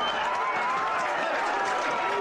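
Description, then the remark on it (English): A stadium crowd roars after Sam Van Diemen's left-footed goal from the boundary line puts the Royals two points ahead, a loud, dense wash of thousands of voices that holds steady without a break for the whole couple of seconds. “The crowd can't believe it.”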